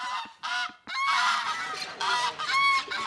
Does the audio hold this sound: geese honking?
yes